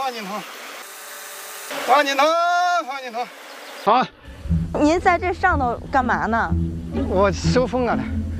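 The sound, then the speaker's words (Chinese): A swarm of Chinese honeybees drones in a low, steady hum beneath conversation as a beekeeper collects them with a bee scoop from a hollowed, waxed log hive hung at a cliff edge, with the buzzing growing fuller and more constant in the second half. “我收蜂啊。 收蜂？收蜜蜂。 啊，我看看看看看。 啊，还挺多的。”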